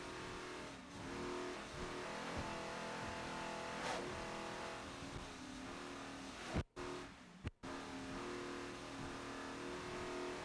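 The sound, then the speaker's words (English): A T4-class racing powerboat engine roars loud at high speed at the National Championships at Deerfield Beach, a steady, dense drone that cuts out twice for a split second near the end before surging back. “This is the former deranged boat running really strong now as extreme liquid assets in the T4 class here at Deerfield Beach in the National Championships.”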